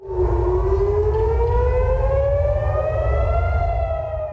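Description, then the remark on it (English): A loud, sustained air raid siren wails steadily across Jerusalem as Iran fires missiles at Israel, its pitch slowly rising, over a deep rumbling background with no voices present. “Siren sound across Jerusalem.”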